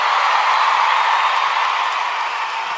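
Steady, dense applause from an audience, a continuous wash of many hands clapping at an even, fairly loud level throughout, with a faint crowd murmur mixed in and no clear voices.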